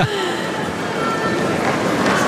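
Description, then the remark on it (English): A large tennis crowd reacts with a sustained, loud swell of murmuring and overlapping voices, a dense steady roar of chatter with no clear words standing out, after seeing a big-screen replay of a forehand called out by about 2 millimetres in a match between Karolina Mukhova and Noskova. “We haven't had a video replay request, but the crowd, as you can probably hear, have just seen a replay of that on the big screen, and it was out by what, 2 millimetres?”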